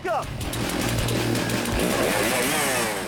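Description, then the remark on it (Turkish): A stock chainsaw roars at full throttle while cutting through a log in a stock saw competition event, its loud, steady engine whine continuous, with slight shifts in pitch as the blade bites; competitors cut 10 centimetres down and back up, the saw turning about 9800 times per minute. “Stok testere etkinliğinde yarışmacılar 10 santimetre aşağıya doğru kesip geriye yukarı çıkıyorlar.”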